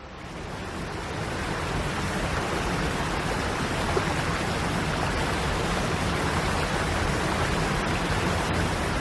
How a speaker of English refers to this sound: Standing beside a waterfall is definitely not a quiet experience. And yet we don't condemn this incessant, overwhelming roar as noise pollution the way we would a jet plane overhead.